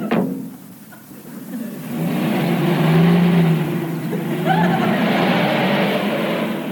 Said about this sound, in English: And the sound of Sid's car making a quick get away with all his henchmen as usual.